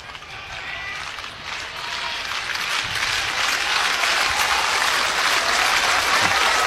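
A big capacity crowd at a baseball game in Lincoln claps and cheers in a dense, steady roar of applause that swells slightly louder over several seconds, with no one speaking over it, urged on by the third base dugout to help Husker starting pitcher Carson through the fifth inning.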